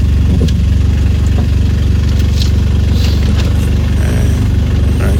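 A loud car engine idles steadily, a deep rumbling drone with a rough, throbbing pulse and faint clicks and rattles on top, no voices.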